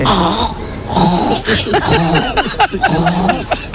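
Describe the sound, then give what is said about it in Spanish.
A woman's voice on Basque regional television, ETV, imitates animals, a pig, a hen and a frog, in a quick run of loud, wavering calls: throaty grunts, warbling cries and short clucking bursts, with pitch sliding up and down and no ordinary speech. “Y así se tiró imitando a un montón de animales.”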